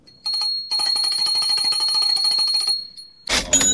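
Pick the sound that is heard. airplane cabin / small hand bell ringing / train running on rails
small hand bell ringing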